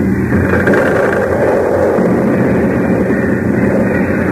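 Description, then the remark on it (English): A building, Harris Hall, crashes and caves right into a hole with a loud, continuous rumbling roar of debris, deep and dense throughout, with no distinct individual impacts and no voices. “Caved right in the hole.”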